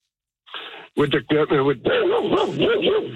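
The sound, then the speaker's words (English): A dog inside a truck barks in a rapid string of sharp yips, then breaks into a longer, wavering run of whiny barks, loud and insistent with no talking. “Sorry about that, my dog's in the truck.”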